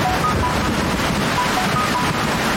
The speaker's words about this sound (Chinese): 这雨都下了六个小时了，越下越大了。